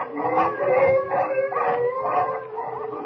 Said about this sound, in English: What will Jimmy and Kent and their Canuck sled driver do in the face of this sudden danger? The wolves are mad with hunger, ready to close in.